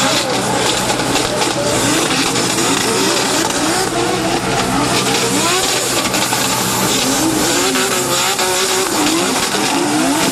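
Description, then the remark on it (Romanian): A drift car's engine revs hard during a drift demonstration on a track for visitors, its pitch repeatedly climbing and dropping over a constant loud roar, with squealing, skidding tires mixed in throughout. “Vizitatorii au putut urmări și demonstrații de drift.”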